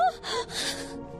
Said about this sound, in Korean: 그러니까 이상한 소리 어떤 소리요? 아기 소리 같은. 아기 소리?